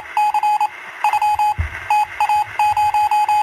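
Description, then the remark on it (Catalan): A steady, high-pitched tone keyed on and off in quick bursts of short and longer beeps, like Morse code, continuing in clusters over a faint background hum. “No, no és gola a les gaunes, però pràcticament perquè avui és el Dia Internacional del Codi Morse.”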